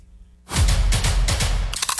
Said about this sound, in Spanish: Así suena Crunch, la tortilla chip más crujiente, saludable y deliciosa.